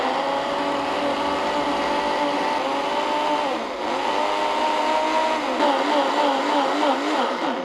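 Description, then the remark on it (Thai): A blender whirs loudly and continuously, blending shredded pandan leaves with one cup of clear water, its motor pitch wavering and dipping a couple of times as the leaves and water churn, with no one speaking. “ขั้นที่3น้ำใส1คัพค่ะเราจะเทน้ำใสลงเครื่องปั่นก่อนนะคะใบเตยหั่นฝอยนะคะแล้วเริ่มปั่นค่ะ”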